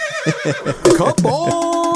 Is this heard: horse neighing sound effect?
yes